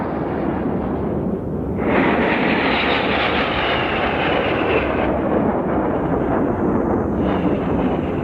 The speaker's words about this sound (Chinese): 这是我们的空军健儿驾驶的94架战鹰，轰炸机、强击机、歼击机组成楔形的空中梯队，这是保卫祖国领空的无敌战鹰。